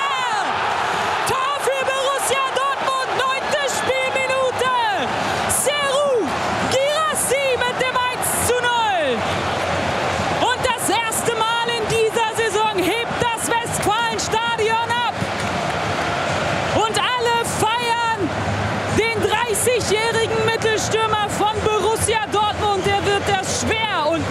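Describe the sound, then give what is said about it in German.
A football stadium crowd roars and cheers after Gerassi scores a goal for Borussia Dortmund, a loud, sustained wall of voices with shouts and whoops rising and falling for the whole stretch, clapping mixed into the din. “Der Applaus und der Jubel regnet auf ihn nieder”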